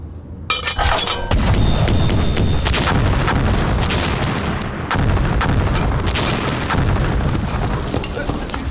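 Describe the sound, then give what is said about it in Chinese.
A loud, continuous artillery barrage fired outside by Communist army forces rumbles throughout, with heavy booms and crackling blasts piling on top of each other, and a sharp new surge of explosions about halfway through. “师长，这外面是共军开的炮吧？”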